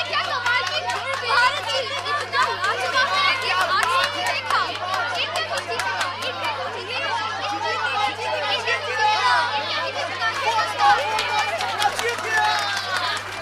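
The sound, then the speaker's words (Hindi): A large crowd chatters and murmurs continuously at a cricket match between India and Bangladesh at Ambedkar Stadium in Delhi, a dense babble of many voices with occasional sharper shouts rising above the steady hubbub. “अनुष्का भीड़ की बातों को ध्यान से सुन रही थी।”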